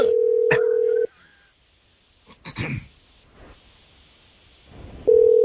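A phone line rings out during a call placed live on the Jesse James Morning Show radio broadcast: a steady, loud electronic ring tone sounds for about a second, falls silent apart from a brief rustle or throat-clear, then the ring starts again.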